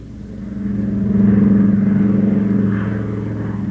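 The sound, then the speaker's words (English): A steady engine drone of a transoceanic airplane in flight bound for North Africa, a low, even humming roar with a pulsing undertone that swells slightly in the middle and then settles, with no voices. “They're on a transoceanic plane bound for North Africa.”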